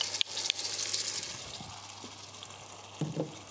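Strained tomatoes are poured into a hot frying pan to make ketchup, setting off a steady sizzle and hiss with a few soft clatters and a brief bubbling splash near the end.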